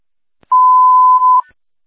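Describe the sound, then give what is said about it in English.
A single steady electronic tone sounds for about a second, clear, then cuts off abruptly into silence, like a phone alert going off. “phone is set off.”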